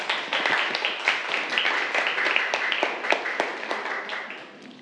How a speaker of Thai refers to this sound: ครับปรบมือให้กับเพื่อนได้ครับนักเรียน